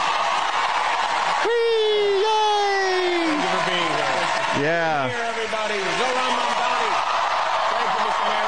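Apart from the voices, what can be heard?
crowd cheering and whooping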